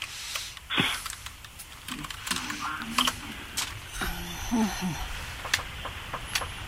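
Irregular bursts of computer keyboard typing, fairly quiet, with quick clicking keystrokes running throughout over a faint, low background murmur.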